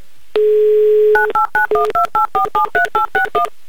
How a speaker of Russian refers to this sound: прямо сейчас набираю ваш номер телефона. Ждите, пожалуйста, возьмите трубку. Я буду очень сильно на это надеяться. Итак, звоню вам.